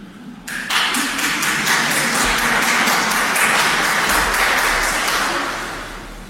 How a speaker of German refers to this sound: Der war aber schon ein bisschen dürftig, der Applaus. Ihr traut euch selber nicht, gell? Es wird besser.